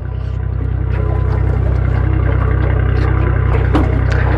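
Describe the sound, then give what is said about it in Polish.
A small aluminium boat with four benches: its motor drones steadily, with water splashing and a few light knocks against the hull as the helmsman unmoors it and takes the helm to get underway. No one speaks. “Sternik nasz odcumowuje naszą łódkę. Zasiada za sterem.”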